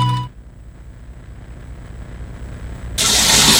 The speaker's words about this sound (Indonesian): Ya ampun, ini keran air kok gak dimatikan lagi.